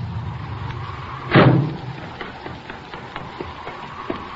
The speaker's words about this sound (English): Hey, listen. Here comes a car.